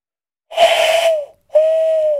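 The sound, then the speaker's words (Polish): A person imitates an owl in an animal imitation contest, with two drawn-out, breathy hoots, each held steady at a mid pitch and sagging slightly at the end, separated by a short pause. “Wow, to jest prawdziwa sowa.”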